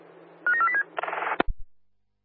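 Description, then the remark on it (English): Duress alarm signal tones received over a radio channel from Kunana during duress alarm testing: a quick run of four or five short stepped beeps, then a harsh buzzing burst that cuts off with a click, over a steady low hum. “Roger, Kunana, we got the alarm.”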